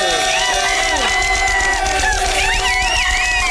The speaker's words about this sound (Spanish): Bueno, Lagrimita y Costel, venga el aplauso.